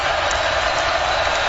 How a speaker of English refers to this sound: What he's doing is he's allowing this crowd to make more noise.